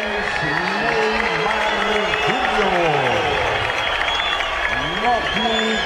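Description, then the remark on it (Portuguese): Light, scattered applause from a large stadium crowd at Vila as Barreal is announced in the Santos lineup before Santos vs Macará, first leg of the Sul-Americana round of 16; a steady diffuse wash of clapping and murmur, with a man talking continuously over it. “Aplausos tímidos.”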